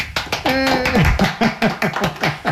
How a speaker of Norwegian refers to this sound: Nå har jeg kun tre masker igjen, og så er jeg ferdig med gensen! Få et litt applaus.